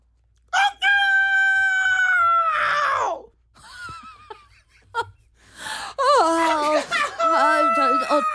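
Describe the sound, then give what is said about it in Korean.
A rooster crows loudly in a long drawn-out call that droops at the end, then after a short pause crows again with a wobbly, warbling tone. “닭 소리가 왜 저러지?”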